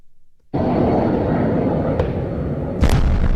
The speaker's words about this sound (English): The sounds of missiles and explosions could be heard from NPR's Kyiv bureau for several hours overnight. Ukraine's Air Force said Russia launched nearly 70 missiles and more than 350 attack drones.